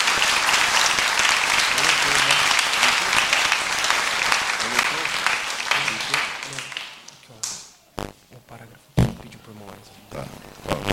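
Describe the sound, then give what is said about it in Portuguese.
Loud, dense applause from an audience, given as praise to Jesus, fills the first seven seconds, then thins out into a few scattered claps and taps before fading. “Vamos dizer graças a Deus e palmas para Jesus por essas palavras.”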